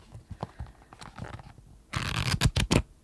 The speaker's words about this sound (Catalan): Són fulls. Això són fulls i pàgines, sí, que és una cosa que al Pau li agrada molt quan passo pàgines davant del micròfon i després em diu que no faci sorollets per antena